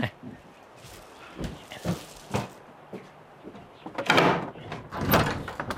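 A door is opened, with a few sharp clicks and knocks of the latch followed by a louder scraping swing as it moves, set against quiet background noise.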